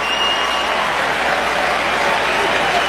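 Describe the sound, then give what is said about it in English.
A large baseball stadium crowd roars steadily during a Cubs versus Blue Jays game at a full count, a dense wash of cheering and clapping that stays loud and constant throughout, with no single voice standing out. “Crowd making noise.”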